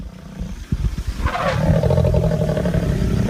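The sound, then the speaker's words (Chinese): Low, rumbling growls from two uneasy lionesses sitting by a road in a wildlife reserve, looking toward the bushes; sustained, building into a steady throaty drone layered with rough pulses after a few short grunts at the start. “两只母狮显得很不安，不断发出低吼。”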